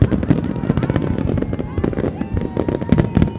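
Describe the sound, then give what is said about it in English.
Independence Day fireworks explode in a rapid, continuous barrage of sharp pops and crackling bursts, loud and dense, with some indistinct crowd voices mixed in beneath. “has been coming to fireworks like these since she was a kid, And now she's doing the same with her daughter.”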